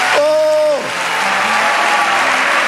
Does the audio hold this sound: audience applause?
yes